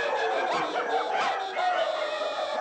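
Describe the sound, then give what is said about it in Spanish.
Many dogs out in the streets of a city barking and yelping at once, a dense, continuous chorus of overlapping barks with no pauses, fairly loud and steady throughout. “Sus ladridos se escuchan por toda la ciudad.”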